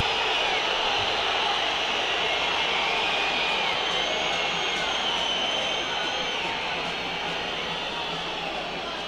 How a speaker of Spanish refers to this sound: Siguen los silbidos.